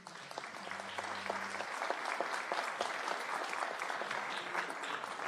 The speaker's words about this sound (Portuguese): Por favor, nossos aplausos.